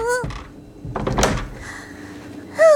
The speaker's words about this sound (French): Ferme vite la porte! Elle arrive!